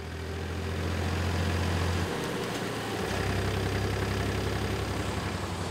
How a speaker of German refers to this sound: Sensationell, es ist schon Mitfahrgelegenheit Nummer 3 heute und der 2. Trecker.